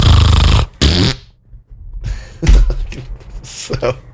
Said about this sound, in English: So, I actually asked for a fart. Hang on. Alexa, ask for a fart. That wasn't her best one, though.